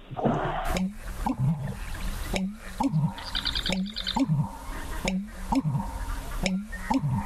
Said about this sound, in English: if you would give us your best American Bittern